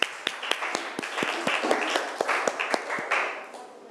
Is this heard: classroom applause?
yes